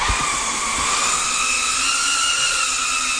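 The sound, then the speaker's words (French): A drone whines steadily overhead, its high motor pitch holding constant with a rushing hiss. The buzz is loud, runs unbroken throughout, and no one speaks. “Et à cette époque, les drones étaient la chose qui commençait à faire la différence sur le champ de bataille.”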